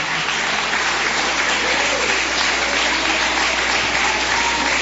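A church audience applauds to welcome a pastor about to preach, glorifying Jesus: a dense, unbroken wash of clapping that stays loud and even throughout, with no one speaking over it.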